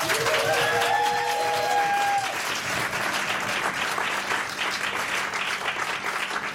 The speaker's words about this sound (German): Einen dicken Applaus nochmal.